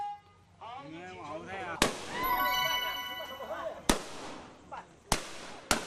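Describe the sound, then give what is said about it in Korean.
Four sharp, loud ceremonial gunshots crack out one after another at uneven intervals, each echoing briefly, over a background of voices and droning, reedy music, at an event welcoming tourists in the Basha Miao village, a hunters' village. “귀가 얼얼할 정도로 총소리가 이어지는데요.”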